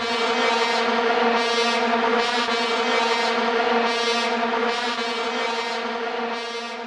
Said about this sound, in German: Vuvuzelas, so richtig populär wurden sie bei der WM 2010 in Südafrika.